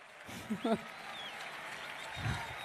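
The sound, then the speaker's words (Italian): A crowd claps steadily in a dense, hissing wash of applause, welcoming people as they enter the stage, with a few short shouts and cheers rising above it. “Li accogliamo con un applauso.”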